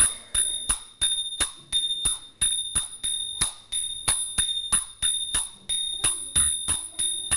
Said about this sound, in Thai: เป็นไงบ้างคะพอได้ไหมคะได้แต่ว่าเสียงฉิ่งเริ่มไม่ชัดแล้วเสียงฉิ่งชัดแต่เสียงฉับไม่ชัด